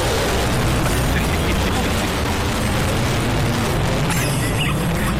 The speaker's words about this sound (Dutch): Kijk, nou dan komen die vliegtuigen over.